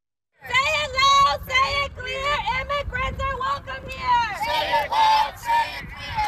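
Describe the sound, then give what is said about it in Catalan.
A crowd of protesters at an improvised street protest in Houston, Texas, shouts and chants loudly, many overlapping voices rising and falling in ragged waves with a steady low rumble of noise beneath. “Són els crits d'una protesta improvisada a Houston, a Texas, on l'FBI investiga la mort a trets d'un migrant mexicà a mans d'un agent del Servei d'Immigració i Control de Duanes.”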